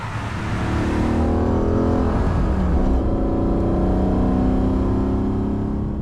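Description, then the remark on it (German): The engine of a 1970s Mercedes 300 SEL AMG race car, known as the Rote Sau, with over 420 hp, nearly 7 litres displacement and a top speed over 260 km/h, revs loudly and steadily, its deep, rough roar rising and holding for several seconds with a brief dip in pitch. “Über 420 PS, fast 7 Liter Hubraum, über 260 Stundenkilometer schnell. Ganz schön viel Power für ein Auto aus den 70er Jahren.”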